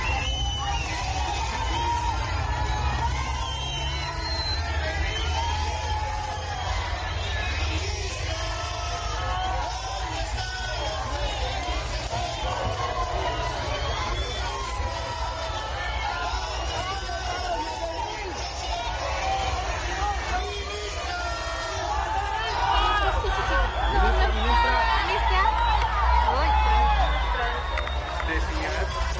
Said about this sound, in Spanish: La tarde de esta jornada en Cochabamba, los maestros instalaron una vigilia antes de comenzar la reunión con la ministra de Educación en Cochabamba. Le gritaron: ¿dónde están los 9.600 bolivianos?